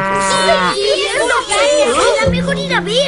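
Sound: cow mooing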